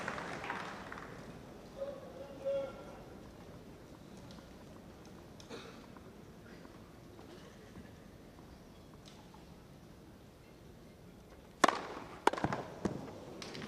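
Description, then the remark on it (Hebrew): Over a low, hushed crowd ambience, Rublev's tennis racket smashes the ball in a powerful serve of about 215 km/h: a sharp, loud crack near the end, followed quickly by a couple of lighter impacts. “רובליק ממשיך עם החבטות העצמתיות שלו. שוב, חבטה של משהו כמו 215 קמ"ש עכשיו זה היה.”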